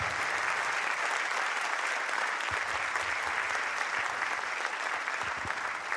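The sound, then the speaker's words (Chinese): Steady, dense applause from an audience fills the whole six seconds, a continuous bright clatter of many hands clapping at even loudness with no voices rising above it. “来，谢谢，感谢大家默默的掌声哦。”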